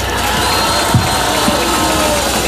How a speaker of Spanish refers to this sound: Un fuerte aplauso para nuestro gobernador.